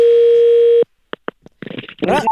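A steady telephone dial tone hums for under a second, cuts off, then a few faint clicks and keypad blips follow before muffled voices and another short tone, as a call is placed to a car scrapyard to ask for two cars.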